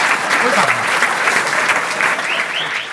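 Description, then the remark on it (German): An audience applauds steadily for the whole stretch, a dense, loud wash of clapping with faint murmurs and voices mixed in underneath. “Ihr könnt nur eine Weile klatschen.”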